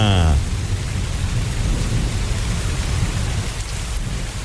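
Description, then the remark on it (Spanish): Steady heavy rain pours down with a deep, continuous rumble of thunder underneath, a dense wash of hiss filling the whole stretch, with a brief tonal sound at the very start. “Llueve, con Tropicana”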